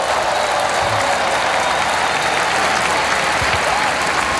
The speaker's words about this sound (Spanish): El Papa aplaude junto a los reyes, el arzobispo de Barcelona, Pedro Sánchez y el presidente de la Generalitat.